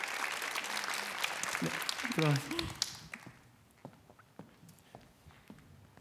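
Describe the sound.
An audience applauds in a dense, crackling burst for about three seconds while a voice briefly speaks over it, then the clapping thins out to a few scattered, fading claps.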